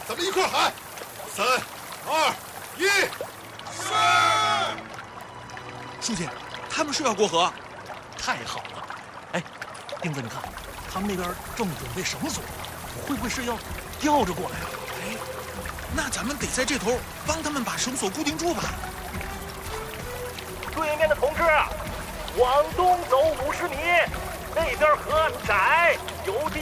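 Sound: rushing river water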